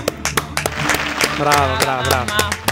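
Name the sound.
studio audience applause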